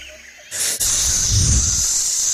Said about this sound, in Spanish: De pronto, se escuchó un sonido agudo, silbante, un siseo muy fuerte.